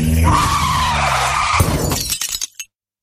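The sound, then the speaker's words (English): A car's tires screech in a loud, sustained skid, then an abrupt impact and crunching clatter of breaking debris as the car hits a pedestrian, before it falls silent. “So she hit a pedestrian.”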